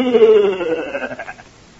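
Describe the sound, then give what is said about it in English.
A single drawn-out goat bleat with a shaky, wavering tone, loud at first, then trailing off and fading over about a second. “Everybody knows I only went into those woods to get back my goat.”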